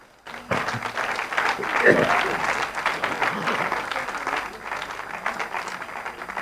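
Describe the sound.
An audience breaks into sustained applause for the report of 67,000 charismatic prayer groups in Brazil, a dense wash of clapping that starts abruptly after a brief pause and holds steady for several seconds, with a faint voice briefly audible beneath it.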